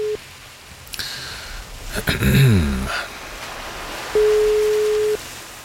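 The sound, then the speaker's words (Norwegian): A steady, single-pitched telephone ringback tone sounds for about a second over a faint line hiss, after a burst of crackly line noise and clicks, with a brief tone fragment at the very start, as a radio show calls a weather reporter in Braskereid Foss. “La oss høre om han tar telefonen og hvordan det i Braskereid Foss i dag.”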